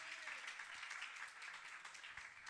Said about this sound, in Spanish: Le damos palmas de alabanza a nuestro Dios, hermano. Déselo fuerte.